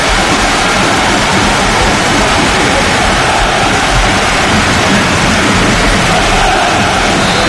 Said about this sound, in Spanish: Pero el sonido es el de la lluvia. Es el de la lluvia.